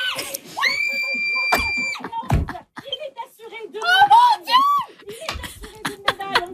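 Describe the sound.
Mikaël Kingsbury's family screams and cheers as he is assured a medal in Olympic moguls, winter 2026, on a Radio-Canada broadcast: high-pitched shrieks rising and falling over about six seconds, with a few sharp bangs or claps breaking through the commotion.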